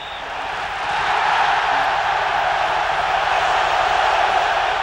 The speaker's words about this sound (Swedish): Sångerna, skriken av glädje, ljudet från den kokande stadion färdas genom den argentinska huvudstaden. Över gator och kvarter.